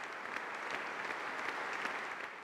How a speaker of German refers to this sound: Und von den jungen Musikern werden wir auch schon sehr inspiriert, weil deren Leistung ist fantastisch. Und das bewies dann auch der Applaus des Publikums.